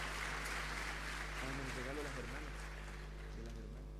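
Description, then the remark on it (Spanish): A crowd applauds steadily throughout in tribute to brave mothers facing cancer, a dense wash of clapping at moderate loudness, while a voice speaks briefly over it partway through. “Entonces, vamos también a darle un aplauso a esas mamás valientes que enfrentan el cáncer y levanten la mano, ¿cierto?”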